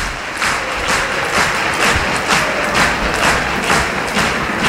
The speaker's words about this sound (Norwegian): Publikum har reise på Aker stadion og står og klapper, og det bra. Det fortjener guttene I dag.